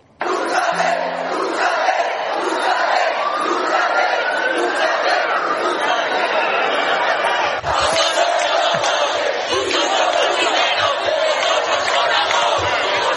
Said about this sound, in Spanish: Vámonos ahora a los gritos que se han lanzado en la acampada Sol. Escúchenlo.